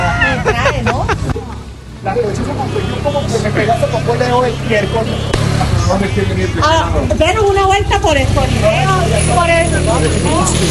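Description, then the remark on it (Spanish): A motorcycle engine drones steadily as several people ride it sightseeing, their excited, overlapping voices chattering and calling out over the engine, which is continuous for the whole stretch. “Esa pobre moto va.”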